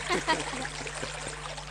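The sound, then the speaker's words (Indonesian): A steady wash of trickling river water runs throughout, soft and continuous, with a few brief voice-like fragments near the start. “Tapi ngomong-ngomong, sedang apa kamu di sungai?”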